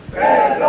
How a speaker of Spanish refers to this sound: Este clásico, estos otros abucheos. ¡Aquí no te queremos! Lástima de piedra. ¡Salud! ¡Eres un ladrón! ¡De patria! Insultos y abucheos desde la gente que está allí esperando a que comience el desfile,